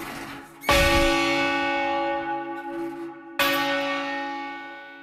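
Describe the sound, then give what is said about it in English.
Heavy church bells hung for change ringing, the heaviest such bells in Canada, with a tenor of roughly 1.5 tons, ring out loud: two deep strikes about three seconds apart, each with a long shimmering hum that lingers and overlaps the next. “So these are the heaviest bells in Canada hung for change ringing, and the second heaviest bells in North America hung for change ringing.”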